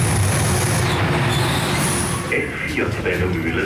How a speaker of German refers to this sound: S4 Wendemühlen, heute auf Gleis 1. Schon bei der Einfahrt der S4 merke ich, dass etwas anders ist. Pendler zücken ihr Handy, um ein Foto der 60 Jahre alten Retro-Waggons zu machen.